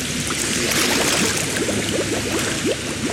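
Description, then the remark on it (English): Continuous swimming pool water sloshing and gurgling, with small bubbly splashes scattered through a steady watery hiss as students in a mermaiding class, wearing goggles, dunk their heads below the surface; no voices. “The pool goes quiet as students dunk their heads below the surface”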